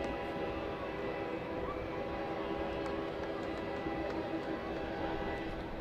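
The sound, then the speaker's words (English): A train rumbles past on tracks just beyond the first base side of a ballpark during a night baseball game, a steady low roar with grinding metallic tones and a faint horn-like hum, holding constant over several seconds against outdoor ambience. “You will hear trains going by the ballpark quite often throughout the course of tonight and throughout this week.”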